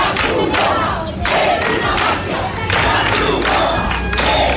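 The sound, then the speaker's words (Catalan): A crowd of protesters in Ceuta shouts in loud, rhythmic bursts, some crying that the Red Cross is a mafia as they try to stop food being handed out to migrants; they chant in unison with brief dips between phrases, massed voices rising and falling over a constant rumble of noise. “La Creu Roja és una màfia, cridaven alguns dels manifestants que hi van intentar impedir el repartiment de menjar i que hi van intentar fins i tot desallotjar els migrants que segueixen malvivint a les platges.”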